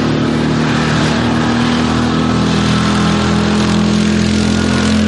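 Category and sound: vehicle, quad bike engine rumbling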